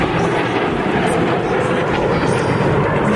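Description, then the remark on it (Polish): A loud, steady roar of fighter jets, including F-16s and F-35s, and F-50 aircraft flying overhead during the Polish Armed Forces Day military parade, a dense rushing thunder filling the whole clip, with faint voices of the watching crowd beneath it. “Na niebie pojawiły się m.in. myśliwce F-16, F-35, a także m.in. samoloty F-50.”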